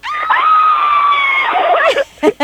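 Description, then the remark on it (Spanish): A phone caller gives a single long, high-pitched excited scream as if already seeing a band at a concert, held loudly for about two seconds, trailing off into a couple of short breathy yelps at the end. “A ver, échate un grito, haz de cuenta que ya los viste, 1, 2, 3.”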